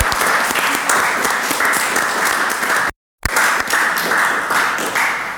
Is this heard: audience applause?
yes